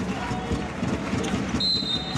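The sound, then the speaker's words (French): A referee's whistle sounds one short, shrill blast near the end, away from the ball, during a basketball game between France and Serbia. It rises over the steady roar of an arena crowd, with voices and the bounce and shuffle of play underneath. “Un coup de sifflet loin du ballon.”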